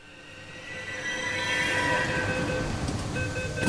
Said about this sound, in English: It's 4:30 p.m. on a Thursday, and the metro doors open to a swarm of young boys in bright green polo shirts streaming into the train.